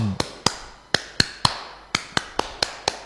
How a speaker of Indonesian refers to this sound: Tepuk tangan Pramuka. Saya memandu. Tepuk tangan Pramuka 3 hari 3 malam. Pertama biasa aja. Itu.